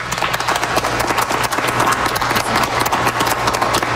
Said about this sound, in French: Vous entendez les applaudissements à l'atrium de Radio-Canada de Toronto en ce moment. Ce sont les portes ouvertes, je vous rappelle.